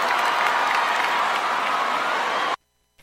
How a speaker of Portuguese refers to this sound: Valeu, uma salva de palmas aí, gente.